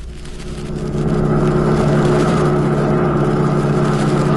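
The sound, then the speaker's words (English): A car engine hums steadily as the vehicle drives along a road just outside Biloxi, Mississippi, swelling louder in the first second and then holding a constant rumble with faint road noise. No one speaks. “In fact, one such young lady went driving with them just outside of Biloxi, Mississippi.”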